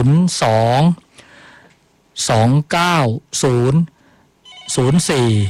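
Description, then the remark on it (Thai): A phone ringtone of a listener from Bangkok calling in to a radio health call-in show sounds loud in several bright, warbling bursts separated by short pauses, with faint voices murmuring in the gaps. “ผู้ฟังโทรมาแล้วนะครับโทรจากไหนครับ กรุงเทพครับ กรุงเทพนะเชิญครับคุณหมอฟังอยู่ครับเชิญเลยครับ”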